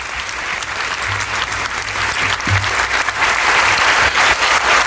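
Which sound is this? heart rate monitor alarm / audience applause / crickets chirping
audience applause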